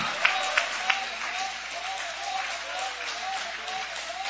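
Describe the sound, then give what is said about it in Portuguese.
A church audience claps steadily for God in a dense, continuous wash of applause, with a few sharper claps near the start and scattered voices calling out beneath it, moderately loud. “Essas palmas podem ser melhor, esses glórias também.”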